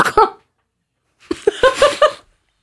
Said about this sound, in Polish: Ja nie wiem, kto tak kaszle, naprawdę.